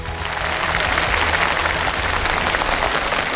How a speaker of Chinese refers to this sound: 他刚才讲这些话的时候眼里泛着泪光，掌声再给他。